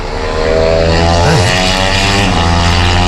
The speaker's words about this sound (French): Donc là, il peut regarder les voitures tourner, c'est sympa. Ah. Les motos, tout ça. Oh, une moto.